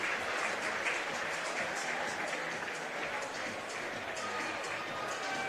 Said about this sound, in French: Sakurai qui quitte sous les applaudissements des spectateurs.